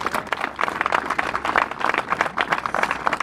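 Steady applause from an audience, dense overlapping claps at a moderate level without letting up, with no voices standing out.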